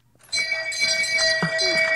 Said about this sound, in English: That's my shame bell on my phone. Can you turn it up? You can barely hear it.